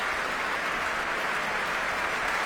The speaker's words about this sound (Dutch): En daar komt hij nogmaals om dit applaus in ontvangst te nemen. Groot applaus ook van alle muzici van het Concertgebouworkest.